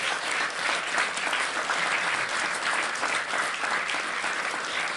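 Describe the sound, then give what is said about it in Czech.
A big round of applause fills the whole five seconds, dense and steady clapping from many hands at a constant loud level, with no voices standing out. “Jaký velký potlesk.”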